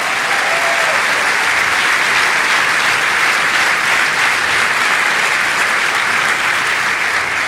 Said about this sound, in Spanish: ¡Aleluya! ¿Cuántos le dan un aplauso al Rey de Reyes?